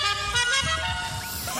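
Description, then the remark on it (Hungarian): A loud custom car horn, of the kind players can choose in the video game GTA 5, blares in one sustained, brassy tone, with a brief warble in its pitch near the end. It sounds continuous, with a low rumble beneath it. “Egyébként vannak ilyen dudák, és neked tudod, hogy mi jutott mindjárt eszembe a GTA 5-ot, bármilyen dudát tudsz magadnak választani.”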